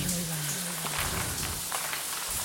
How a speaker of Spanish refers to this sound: Cada gota de agua parecía más fuerte, más cercana.